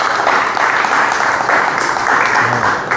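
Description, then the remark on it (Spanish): Loud, sustained applause from a crowd for their footballers, a dense steady wash of clapping with no pauses across the whole stretch, no voices standing out. “Fuerte el aplauso para nuestros futbolistas.”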